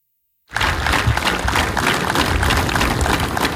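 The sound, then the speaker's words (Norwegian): A crowd in Horten breaks into a minute of sustained applause in tribute to Olympic rowing legend Olav Tufte, after a brief silence, many hands clapping in a dense, steady wash that holds at an even, loud level without voices. “Markeringen startet langt fra stille, men med ett minuts applaus for OL-legenden.”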